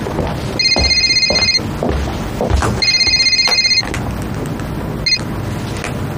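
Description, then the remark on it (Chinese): A telephone rings in bursts of rapid electronic trills, two long rings and then a short clipped one, loud against a faint background hum, with no one speaking. “你怎么才来电话呀？”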